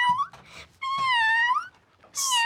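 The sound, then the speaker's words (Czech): A person gives a drawn-out, wavering meow imitation, rising and falling in pitch, followed by a shorter second mew, fairly loud with no other sounds around. “Krásná kočička.”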